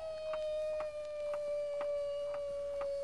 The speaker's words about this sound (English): That coyote sounds plain nervous. He don't trust me neither.